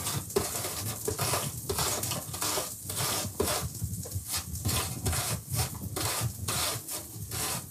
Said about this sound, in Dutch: En nu de appel. Ook raspen. Hè. Een beetje voorzichtig zijn.